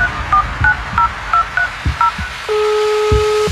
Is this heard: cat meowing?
no